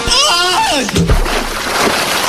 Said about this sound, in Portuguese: Depois disso, ele tibunga num açude com água gelada.